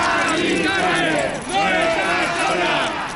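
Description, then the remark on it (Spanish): A protest crowd shouting together in the streets of Madrid, Spain, protesting for the right to decent, affordable housing, many raised voices overlapping into a loud, continuous roar that swells and dips slightly, with no single voice standing out. “Gritos en las calles de Madrid para denunciar el drama de la vivienda en toda España.”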